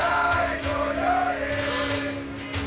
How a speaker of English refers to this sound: This is outside the hotel. Cars honking, singing, dancing. They were like, you will not sleep here. You know what I'm saying? You will not sleep here in Mexico.